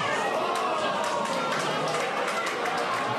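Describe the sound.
A steady, dense murmur of many voices fills a pub, a crowd of football fans watching a match chattering together with occasional sharper bursts poking through the continuous hum.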